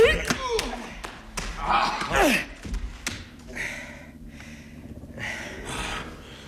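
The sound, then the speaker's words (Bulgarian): Several sharp punch thuds as a person is struck land in quick, irregular succession amid scuffling and grunting voices, with a louder flurry of blows midway before things settle into breathy, muffled commotion. “Докторе, защо удари другаря? Аз също знам да удрям.”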